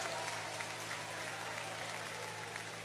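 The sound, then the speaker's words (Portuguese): A church audience applauds the Lord steadily, a dense wash of many hands clapping at once, sustained and fairly even throughout with no speech standing out above it. “Um aplauso ao Senhor.”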